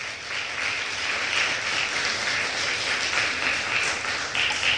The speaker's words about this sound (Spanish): ¿Le podemos dar un aplauso fuerte al Señor, por favor?